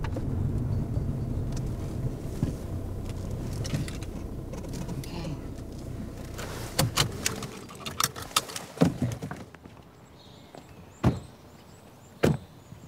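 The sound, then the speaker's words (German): A car engine rumbles and then cuts out, followed by several sharp clicks and knocks and a couple of solid door thuds in the quiet that follows. “Kennen Sie den Wagen?”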